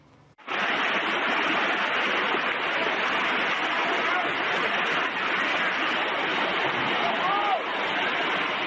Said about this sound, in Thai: นี่คือน้ำตกตาดหมอกใต้แคนยอนน้ำหนาวในพื้นที่อำเภอน้ำหนาวค่ะ